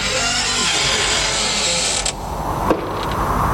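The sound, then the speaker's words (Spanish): A long, loud creak of a door hinge groaning steadily for several seconds, with a dense, grinding texture and a couple of sharper clicks near the end. No voices. “Ahí va, a ver si le echas un poquito de algo a la puerta.”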